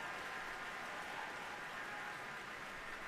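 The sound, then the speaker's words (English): A large concert audience applauds the St. Louis Symphony Orchestra and guest conductor Dalia Stasevska as they bow, a dense wash of many hands clapping at once, sustained and even in loudness throughout, with no voices standing out. “And after applauding the orchestra, guest conductor Stasevska has invited them to rise and has turned to the audience, joining the orchestra in a bow.”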